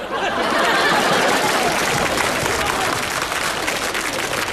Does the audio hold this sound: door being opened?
no